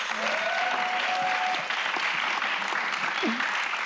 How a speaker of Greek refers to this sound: Τέλος χρόνου, ένα χειροκρότημα!